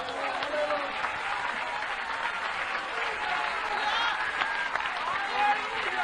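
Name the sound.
audience applauding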